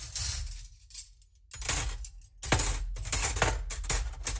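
Dishes clink and clatter as they're dried by hand at home, handled one after another, bright ceramic and glassy knocks in an irregular rhythm, with a brief lull before the clattering picks up again.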